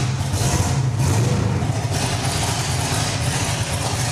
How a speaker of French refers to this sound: Mais c'est très compliqué de faire rentrer des roues comme ça, parce que regardez la taille des roues. C'est du 11 pouces à l'avant et 15,5 à l'arrière. C'est énorme. Tu peux me faire une démo de lever de la voiture pour voir?